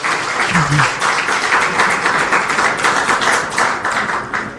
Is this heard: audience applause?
yes